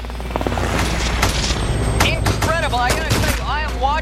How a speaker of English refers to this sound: The LAPD ultimately engaged in this for about 17 minutes of heavy gunfire. And the robbers basically win the first round while the officers are awaiting air units and SWAT teams to show up.